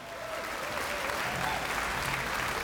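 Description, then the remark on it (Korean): Steady audience applause welcoming the principal conductor of the Pyeongtaek Municipal Korean Traditional Orchestra, a dense wash of many hands clapping at an even level throughout, with no pauses and no one speaking over it. “큰 박수로 맞이해주시면 감사하겠습니다.”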